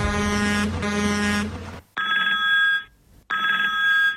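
A telephone rings twice in clear, evenly spaced bursts with a short pause between, preceded by a loud, low droning horn-like blast that cuts off abruptly. No one speaks.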